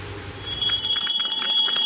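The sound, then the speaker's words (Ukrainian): A school's last bell of the school year rings, with no air raid siren, loudly and continuously for about a second and a half, with a bright, metallic jangle of rapid repeated strikes and no voices. “Звуки останнього дзвінка сьогодні лунають без сигналу повітряної тривоги.”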